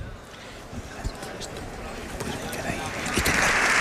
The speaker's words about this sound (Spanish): Bueno, pues ahí tenemos el sonido del hemiciclo. Escuchamos los aplausos de Congreso y Senado en sesión conjunta.